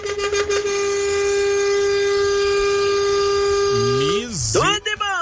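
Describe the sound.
A loud, steady vehicle horn blares in one long unbroken blast for about four seconds, rich and brassy, then cuts off as a man starts talking.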